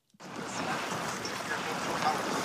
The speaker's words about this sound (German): Hier am Ufer, am Rande der ostchinesischen Stadt Changzhou, rauschen die gewaltigen bräunlichen Wassermassen des Yangtze entlang. Der größte Fluss Asiens fließt an dieser Stelle unter der längsten Schrägseilbrücke der Welt hindurch.